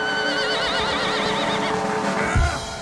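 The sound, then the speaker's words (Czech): A white circus horse, ridden by trick rider Carmen Chitty, lets out a long, loud, quavering whinny in the circus ring, its high pitch wavering up and down throughout, then ends with a brief low snort. “Tento krásný bělouš, krasojezdkyně Carmen Chitty.”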